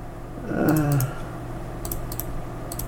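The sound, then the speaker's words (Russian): Computer mouse clicks come in small irregular clusters, sharp, over a low steady hum, with a brief low warbling sound near the start. “Опять беспорядочно кликать начинаю.”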